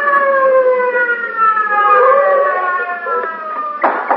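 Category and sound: vehicle, police car siren wailing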